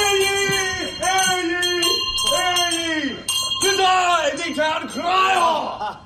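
A voice loudly imitates a ringing bell announcing someone's arrival at work, sustained sung tones swooping and wavering in pitch across several bursts, with no other sounds.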